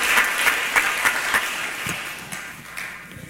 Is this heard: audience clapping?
yes